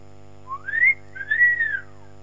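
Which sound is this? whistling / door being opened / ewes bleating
whistling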